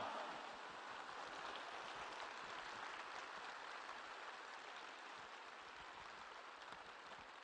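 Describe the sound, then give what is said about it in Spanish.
Sustained applause from a crowd giving a strong round of applause to Jesus, a dense, steady wash of many hands clapping at once, loud and even throughout with no voices over it. “Si te está cambiando la actitud, si te está cambiando tu mentalidad acerca de Jesús, acerca de la Eucaristía, dale un fuerte aplauso al Rey de Reyes y al Señor de Señores. ¡Pero que se oiga!”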